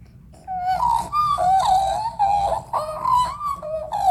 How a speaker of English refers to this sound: I mean, we have a lot of magpies here in Australia, so we're used to hearing them. Do you think we could get a bit of a magpie call? Sure.